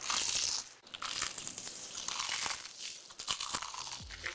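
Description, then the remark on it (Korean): Loud crunching of someone biting into crumb-coated crispy fried chicken (크크크 치킨), a dense run of crackly, brittle bursts with a few sharper crunches, no voices. “크럼프를 입혀 크런치하고 크리스피하다. 크크크 치킨. 바삭함의 끝판왕.”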